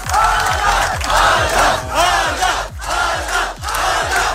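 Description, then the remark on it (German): A large crowd cheers and shouts loudly without pause, voices rising and falling in swells, while a steady rhythmic thumping, like drumbeats or stamping, pulses beneath the roar, as a runner arrives at the finish line in Los Angeles after running more than 600 kilometres through the California desert. “Aber gefeiert wurde er trotzdem, als er im Ziel ankam.”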